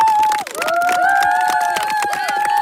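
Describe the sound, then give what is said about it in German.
An audience at a school event claps loudly and steadily for the teachers, a dense patter of many hands, with high sustained whistles and cheering voices rising above it throughout. “Geben wir mal einen Applaus für die Lehrerinnen und Lehrer, bitte.”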